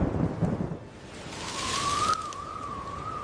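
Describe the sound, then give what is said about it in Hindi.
A deep rumble of thunder opens over a steady wash of rain as dark clouds cover the sky, followed by a thin, wavering whistle that sings above the downpour for the rest of the storm. “तभी आसमान में काले बादल छा गए और बारिश का मौसम बन गया। लगता है बारिश आएगी।”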